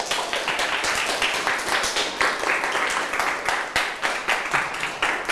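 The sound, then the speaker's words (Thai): Steady applause from a group of students applauding themselves for answering all 10 quiz questions correctly, dense overlapping claps at an even loudness with sharp individual hand strikes popping out, lasting the whole stretch with no talking. “ถูกทั้ง10ข้อใครตอบถูกทั้ง10ข้อปรบมือให้ตัวเองดังๆได้เลยครับ”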